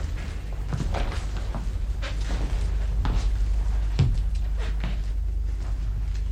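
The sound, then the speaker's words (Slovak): Heavy stones are shifted away from a door and set down beside it, making five or so dull knocks and scrapes at uneven intervals, over a low steady hum. “A teraz už začali odkladať kamene pri dverách.”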